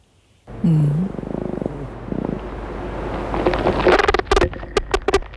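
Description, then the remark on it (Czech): A male fly's courtship song from wing vibration, recorded by the University of Leicester: a low, wavering hum gives way to a rising scatter of sharp, rapid pulses and clicks that grow louder and denser toward the end. “Samečci to dělají vibrací křídel a k vydávání toho zvuku mají v mozku unikátní spleť spojů.”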